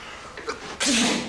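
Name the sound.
a sneeze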